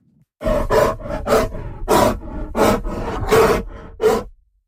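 Grizzly bears in Alberta roar in a loud series of about eight rough, growling bursts, each lasting under a second, with short gaps between them and no talking.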